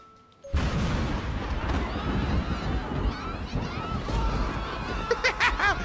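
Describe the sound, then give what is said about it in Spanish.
A sudden, loud thunderclap at 4 a.m. in Monterrey breaks the quiet and rolls into a long, heavy rumble that stays strong for several seconds, with faint voice-like sounds mixed into the roar. “Miren, ahí les va, trueno. En la noche, 4 de la noche, trueno Monterrey.”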